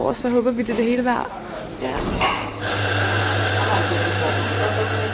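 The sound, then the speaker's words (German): An espresso machine runs in a foyer at 3:45 in the morning with a steady, loud pump hum and a constant hiss. Voices are heard briefly at the start before the machine noise takes over. “Irgendwo im Foyer läuft schon eine Espressomaschine.”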